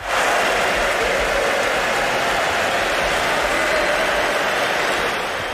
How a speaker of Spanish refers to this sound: El otro día, en el partido del Athletic de Bilbao, en San Mamés, se escucharon algunos pitidos cuando los tres internacionales españoles salieron al campo con la Copa del Mundo.